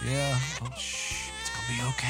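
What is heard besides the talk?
infant crying at night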